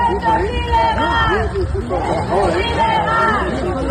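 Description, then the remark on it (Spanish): Residents of Jabalí Viejo and Jabalí Nuevo, Murcia, protesting roadworks near the gunpowder factory, shout and chant "esto es ilegal" together while shaking the fences blocking the works, in loud, overlapping bursts rising and falling in waves with no single voice standing out. “Al grito de "esto es ilegal", los vecinos han zarandeado las vallas que impedían el paso a las obras hasta derribarlas.”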